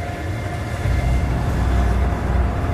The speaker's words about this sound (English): We're still on the train.